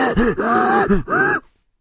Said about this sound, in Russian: То есть ровно то же самое, что вы слышите, когда, например, ну, слышно, как дышит летчик в момент тяжелейших перегрузок в воздухе.